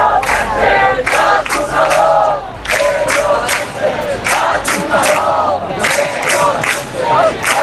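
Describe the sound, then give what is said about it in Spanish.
A large crowd boos outdoors, a loud, sustained wall of overlapping voices that swells and dips in waves for several seconds, with bursts of shouting rising above the low jeering drone. “Fuera, todo han sido abucheos.”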